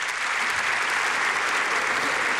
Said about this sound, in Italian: Sentite gli applausi per il presidente Mattarella